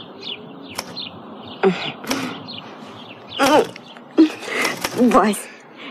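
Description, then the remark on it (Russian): Short, bright sparrow chirps come in scattered bursts, with busier twittering in the middle and near the end, over a soft background with some low voice-like murmuring. “Темные стекла верхних этажей сразу сделались голубыми, зеленая ветка тополя празднично вспыхнула перед окном, и с Невского, как всегда, прилетели воробьи клевать мошек и яркую кирпичную крошку у водосточной трубы.”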